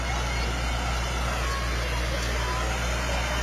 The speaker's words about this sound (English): Farm All Tractor sporting an American flag on the back. We've got a Super MTA 1966 diesel as well coming up. More Farm All tractors. Yeah. These are Bob Mickelson's tractors, driven by grandsons, it looks like.